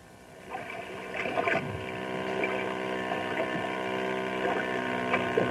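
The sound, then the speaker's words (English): Racing motorboats, water hot rods, roar across Beaver Lake, their engines a steady, buzzing drone with layered tones that swells slightly louder and holds throughout, with brief surges in pitch. “Then there's something else breathtaking about Beaver Lake, which we'll find out in our story today. Water hot rods.”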